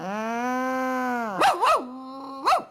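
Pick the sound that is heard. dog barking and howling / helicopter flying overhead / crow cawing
dog barking and howling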